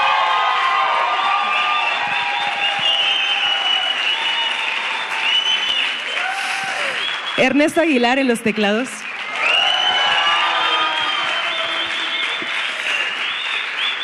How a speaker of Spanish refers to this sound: Ya que estamos aquí, podríamos hacer el aplauso formal.